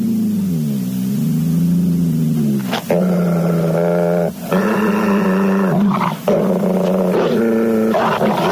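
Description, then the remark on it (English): A wolf dog growls and snarls fiercely while attacking a rat, a loud, continuous stretch of rough, rising and falling roars with short breaks between bursts and no talking. “Exterminate that rat, wolf dog!”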